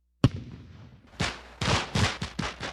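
Fireworks explode: one sharp, loud bang, a brief lull, then a rapid string of five bursting, crackling booms with hissy tails, with no voices.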